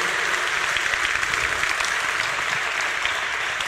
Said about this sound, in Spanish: Date un aplauso por creer eso que acabas de creer.